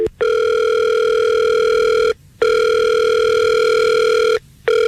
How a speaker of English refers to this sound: All right. Well, let's call him and we'll see if we can get him on the phone and we'll figure this out for you.